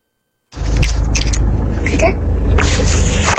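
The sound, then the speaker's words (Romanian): After a brief silence, a loud, steady roar of a car driving with the window open fills everything: heavy low rumble and wind buffeting, with an indistinct voice buried underneath. “dar nu te aud, se aude doar mașina foarte rău și nu te auzi aproape. E geamul deschis de la mașină și de aceea fâșie.”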